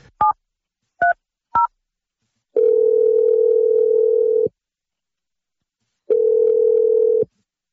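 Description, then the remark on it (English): Three quick keypad dialing beeps, then an outgoing phone call's ringing tone: two long, steady electronic hums, separated by a short silence, clear, with no voices. “Let's make the 1,000th second date phone call.”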